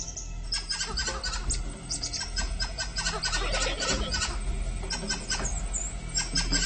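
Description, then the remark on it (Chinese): Curly-haired monkeys keep up a steady chorus of sharp, high-pitched alarm calls as they frantically surround a python, many voices overlapping in rapid bursts that never let up, loud and unbroken throughout. “警报声仍旧没有停止，”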